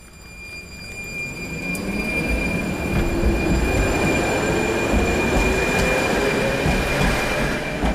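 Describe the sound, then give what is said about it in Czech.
A tram of line 3 rolls past at its turnaround loop in Lidové sady, Liberec, its steady rumble swelling over the first couple of seconds, with wheels squealing in high sustained tones as it rounds a curve. No voices. “U obratiště tramvaje číslo 3 v Lidových sadech v Liberci jsme právě v tuto chvíli.”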